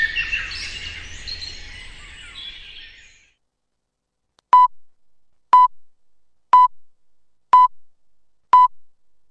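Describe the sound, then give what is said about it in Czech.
Birdsong chirps and fades out, then after a brief silence come five short, sharp radio time-signal beeps marking the exact time before the radio news, each exactly one second apart, clear and loud with no talking. “Sponzor tačnog vremena, Unsko-sanske šume.”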